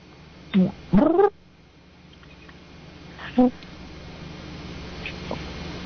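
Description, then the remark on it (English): A caller imitates a platypus call with their voice to win tickets: a short squeak, then a longer wavering, nasal honk, and after a pause one more brief squeaky note over quiet background hiss. “Is it a platypus? I was going to say platypus. Yes, you got it.”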